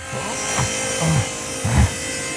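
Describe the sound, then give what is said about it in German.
A cheap third-grade spruce panel being sawn to size on a workbench: a steady, rough rasping noise runs throughout, with a few heavier, lower-pitched strokes standing out at irregular intervals. No one speaks. “Die säge ich jetzt mal eben zurecht.”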